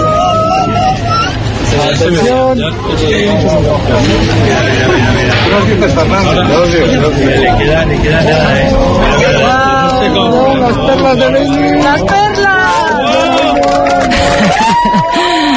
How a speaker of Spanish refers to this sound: Este era el momento. Así hemos despedido la totalidad en el Observatorio de Yeves entre aplausos, lágrimas y abrazos.